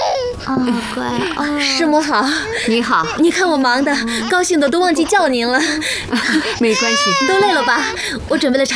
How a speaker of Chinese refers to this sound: 哎呀， 这是小的吧？ 来来来， 怎么哭了呢？还小了，认生呢。